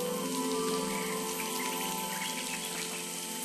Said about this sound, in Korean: 아, 아니네요. 잘못된 경보였군요. 낮잠에서 깬 코주부 원숭이가 소변을 보는 것이었습니다.